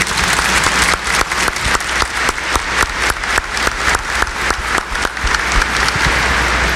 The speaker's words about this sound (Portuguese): Os concelebrantes, acolhemos a todos, religiosos e religiosas, acolhemos os seminaristas, ministros extraordinários da Sagrada Comunhão, leitores, músicos e a todo o povo de Deus que participa com uma grande salva de palmas.